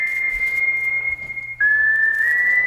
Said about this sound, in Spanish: Sin duda, esta canción con este silbido inicial.